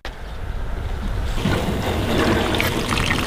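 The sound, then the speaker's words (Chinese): A steady rush of Yellow River irrigation water, let loose through a channel to a family orchard in Hongde Village, Hongsibu, swelling noticeably louder after the first second and continuing as a broad, windy roar with no voices. “打开了吗？ 打开了，水来了。”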